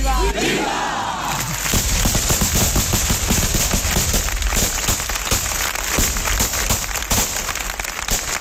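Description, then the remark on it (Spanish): Rapid, overlapping blunderbuss shots fired in celebration crackle almost nonstop as a covered, veiled statue of the Virgin sets off for the mountain in a religious procession at dusk: loud sharp bangs packed into an irregular barrage over a steady roar of crowd noise. “Suenan los trabucos, la Virgen, ya tapada, ya velada, se marcha al monte.”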